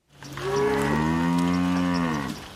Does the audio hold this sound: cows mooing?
yes